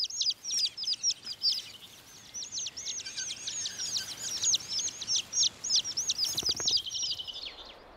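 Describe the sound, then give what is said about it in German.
Thrush chicks chirp insistently while being fed by both mother and father, a dense run of high, rapid begging calls in bursts that rise and fall in loudness for the whole stretch, with no voices. “Gefüttert werden die Küken aber gemeinsam mit dem Vater.”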